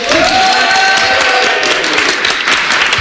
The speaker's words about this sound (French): Merci aux organisateurs, organisatrices, techniciens, techniciennes de Podren. On peut les applaudir.